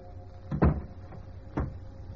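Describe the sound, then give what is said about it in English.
A door swings shut with a solid thump, followed a second later by a softer second knock, over a steady low background hiss and hum with no voices. “A closing door finishes the story.”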